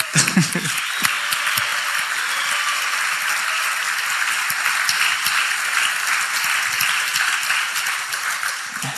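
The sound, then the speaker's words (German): A crowd applauds the mothers steadily for about nine seconds, a dense, even wash of many hands clapping at a constant loudness with no voices standing out. “Wir haben zwar heute nicht Muttertag, aber umso mehr sollen wir auch einmal unabhängig davon auch einen großen Applaus für euch Mütter.”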